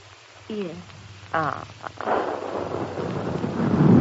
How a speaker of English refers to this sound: Ah. What's that? They are firing. Heaven defend us, it's cannon. Nearer. Much nearer than they were.